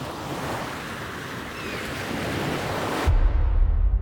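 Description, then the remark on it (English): A steady, broad wash of waves at a port where migrants intercepted at sea are brought ashore, continuous, with no voices; near the end heavy wind rumble buffets the microphone and muffles the surf. “We then decided to go to the port where migrants intercepted at sea or brought ashore.”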